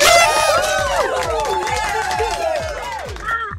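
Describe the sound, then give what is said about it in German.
A loud crowd cheers and shouts steadily, many overlapping voices rising and falling, with a regular low thumping pulse underneath throughout. “Der Jubel war lauter.”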